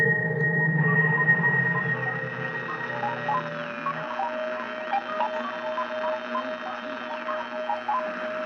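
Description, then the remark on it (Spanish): Electronic radio signal beeps pulse in a steady rhythm over humming sustained tones, while a higher warbling tone slowly glides up and down: a desperate signal sent into space by Zarkov with Mongo technology, heard on Earth by Professor Gordon. No voices are heard. “A millones de kilómetros, en la Tierra, el profesor Gordon escucha los pitidos de la esperanza.”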